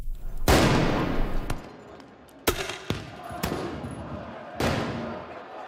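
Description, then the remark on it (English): Loud bangs of fireworks launched by French soccer fans at riot police and of tear gas canisters fired back, about six sharp explosions with echoing tails, over a noisy street background with a crowd din, during celebrations of Paris Saint-Germain's Champions League final win over Arsenal. “People en masse launched fireworks at officers who shot back with tear gas canisters.”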